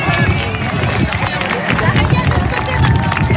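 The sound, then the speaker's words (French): A large crowd on the beach at Anglet or Tarnos spontaneously claps and cheers at 20:29, once the peak of a natural phenomenon has passed; dense, steady applause mixed with murmuring voices and shouts, loud and continuous throughout. “À Anglette comme à Tarnos, à 20h29, une fois le pic du phénomène passé, eh bien la plage a spontanément applaudi.”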